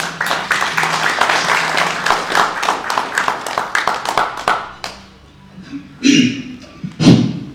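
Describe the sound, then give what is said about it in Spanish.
Steady crowd applause for the mayor of Locumba district, with rapid, dense clapping for about five seconds, then it fades out, followed by a couple of louder low thumps and rustles. “Le brindamos un fuerte y caluroso aplauso.”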